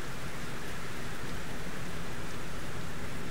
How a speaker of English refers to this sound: The work is threaded throughout by the recurring presence of water, a trickling, flowing, resonating, and transforming presence.